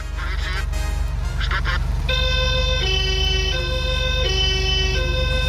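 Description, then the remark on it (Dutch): A loud two-tone police siren of a former Rijkspolitie Porsche police car alternates steadily between high and low pitches over a constant engine rumble, after a few short honking blasts at the start. “En het is een voormalige Rijkspolitie-autootje.”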